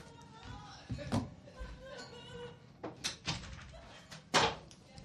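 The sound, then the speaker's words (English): A door is handled and pushed shut, giving a few sharp knocks and thuds, while muffled voices of people having fun in the bullpen next door chatter in the background. “I'm going to have to close my door.”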